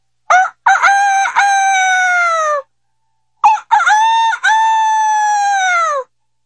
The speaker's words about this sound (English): In the morning, the village cockerels called out to greet the dawn.